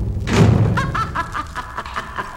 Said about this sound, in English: As Wonder Woman steps inside to lead the prisoner out, the door slams shut behind her.